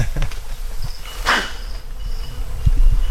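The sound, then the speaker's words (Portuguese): Wasps buzz steadily over a low outdoor rumble, with a brief louder whoosh of one passing partway through. No one speaks. “Isso é para afastar as vespas, o fogo?”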